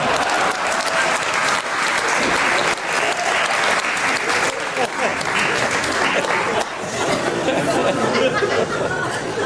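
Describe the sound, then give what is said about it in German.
Steady audience applause for the performer's assistant lasts several seconds, a dense wash of many hands clapping, with some crowd murmur mixed in and no single voice standing out. “Ein Applaus für meine Assistentin Monika.”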